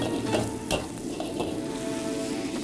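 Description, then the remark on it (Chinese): Steady sizzling of food stir-fried in a hot wok during a timed cooking contest, with a few sharp scrapes and clanks of a spatula against metal cutting through the continuous hiss. “哇，好有锅气啊！”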